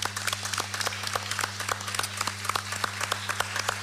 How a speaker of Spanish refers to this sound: Gracias, ¿eh? Gracias. Un buen aplauso enorme. Gracias.